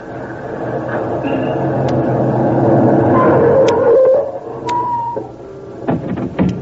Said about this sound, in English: Better shut that motor off